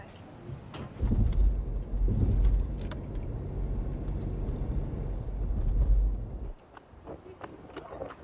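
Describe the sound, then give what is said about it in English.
A car engine rumbles steadily for several seconds as the vehicle pulls in and parks, then shuts off, leaving small clicks, jingling and faint muffled voices. “Park your car and let's go.”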